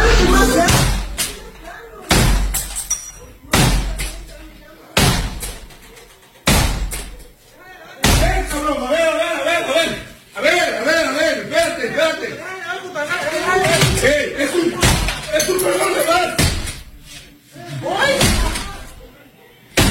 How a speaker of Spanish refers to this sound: Estás en la madrugada en tu casa y llega un comando armado y rompen la puerta.